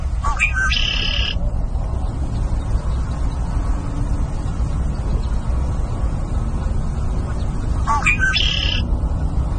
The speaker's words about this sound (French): Donc, un son un peu plus familier maintenant, le carouge à épaulettes.